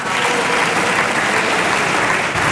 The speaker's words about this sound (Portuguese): Os aplausos são apenas das bancadas que apoiam o governo, PSD e CDS.